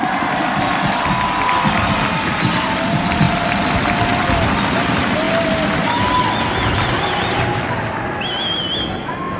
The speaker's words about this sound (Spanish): Un fuerte aplauso a Dios.